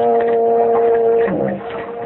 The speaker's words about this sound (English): I heard whistle a big ship. No, you didn't. That was just a foghorn.